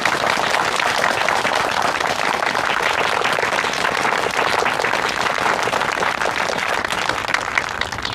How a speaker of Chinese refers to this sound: 下面我们以热烈的掌声欢迎高行长为我们大家讲话。